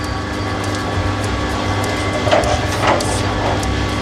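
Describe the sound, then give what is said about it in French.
A steady mechanical drone with a low rumbling hum and faint repeating clatter, as a coffee roaster's cooling tray stirrer is switched on and runs continuously during a roast of Guatemalan coffee, with a couple of brief scraping swells. “Je vais allumer le mixeur. Ouais. Pour le refroidisseur.”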